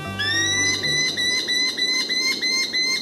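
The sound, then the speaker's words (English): A merlin, a compact falcon smaller than a pigeon, calls in a rapid, steady series of sharp, high-pitched chattering notes, clear over a faint steady background tone. “Smaller than a pigeon, but fierce enough to knock one from the air, are the powerful compact falcons known as merlins.”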